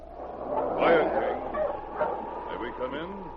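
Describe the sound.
Sergeant Preston's dog King, arriving with two Mounties, barks and yips in short bursts, blended with murmuring voices that run through the whole few seconds.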